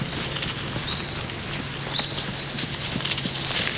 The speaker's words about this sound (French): Je marche dans le silence d'une grande forêt, au pied des Pyrénées, dans le sud-ouest de la France. J'entends quelques gazouillis d'oiseaux et le bruit de mes pas sur les feuilles.